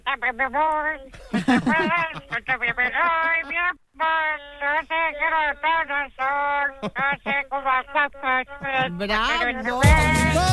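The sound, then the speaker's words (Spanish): A voice sings a pop song in a squawky, nasal imitation of a cartoon duck, continuous phrases with brief pauses, fairly loud, ending with a burst of noisy static. “Voz de pato. El pato Donald cantaría este tema de …, ….”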